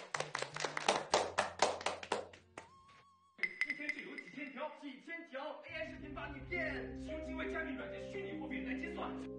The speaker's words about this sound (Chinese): 掌声